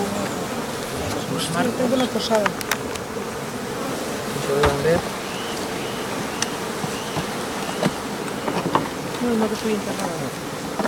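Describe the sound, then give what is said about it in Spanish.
A dense, steady drone of many honeybees buzzing at an opened hive, with sharp clicks and knocks as the hive is handled and brief snatches of people talking over the hum. The colony is beginning to overwinter and has a reduced population. “Pero ahora vamos a ver las abejas.”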